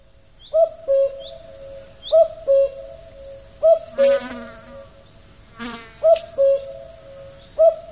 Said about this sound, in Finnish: mä luulin, että se on haukka vielä siinä vaiheessa, kun mä laitoin sen. Käen ääni on tarpeeksi hempeä juuri näin heränneenä.